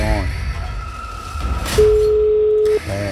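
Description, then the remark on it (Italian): A single steady ringback tone, the first ring of an outgoing phone call, sounds clearly for about a second, flat and unbroken, with brief voices talking just before and after it. “Primo squillo.”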